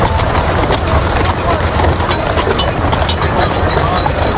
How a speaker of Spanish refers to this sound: Un carro, tirado por dos caballos, transporta el féretro al que todo el mundo mira.